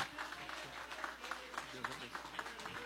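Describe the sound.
An audience at a church service applauds to welcome their state pastor, a strong, joyful applause for Jesus: steady, dense clapping that keeps a loose rhythm for a few seconds, with a murmur of voices mixed underneath.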